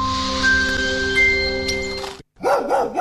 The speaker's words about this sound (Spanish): ¿Un perro guardián para proteger tu sorgo?